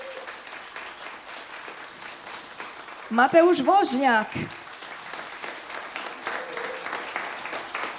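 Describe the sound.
Audience applause claps steadily throughout, with a voice announcing over it. Midway, a louder burst of voices and tonal sounds rises for about a second before the clapping settles back to an even patter.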